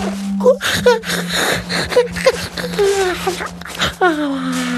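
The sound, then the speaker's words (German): A big, drawn-out yawn by the little king, voiced and sliding through moaning, gasping breaths and ending in a long falling groan, over a steady low hum. “Der kleine König gähnt noch mal kräftig.”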